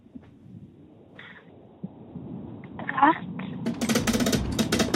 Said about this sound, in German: Und für dich drehe ich jetzt aber zuerst mal im SRF Kids Preisrad. Du darfst noch sagen, ob ich rechts oder links soll drehen.